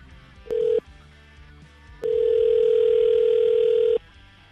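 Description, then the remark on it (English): A telephone line tone as radio station 101.9 POR calls Tom on air: a brief steady electronic beep, a pause, then a longer two-second ringing tone, clear, with no one speaking. “And we're going to call Tom and get him to pick up the phone and get his side of the story.”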